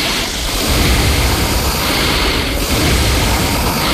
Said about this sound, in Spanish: Quiero oír tu respiración, ¿cómo es la tuya? Fina también. Sí. Pero fíjate, mira, vamos a respirar los 3 a la vez.